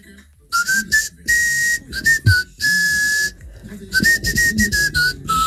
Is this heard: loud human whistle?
yes